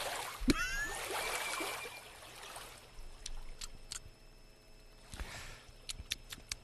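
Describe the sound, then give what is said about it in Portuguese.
Wet swishing of water sloshed around in a man's mouth as he rinses with water from a bottle, a long gurgling burst followed by a shorter one, with a few faint clicks and no talking. “Ele tá fazendo um bochecho com a água.”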